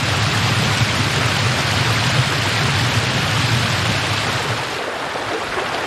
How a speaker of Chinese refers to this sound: 唐家河境内一共有100多条河道，为到达草木甜美的新家园，羚牛家族无可避免地要越过激流。